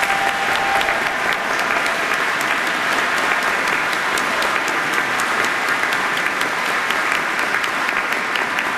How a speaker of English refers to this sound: Can you help me give all of these folks a round of applause?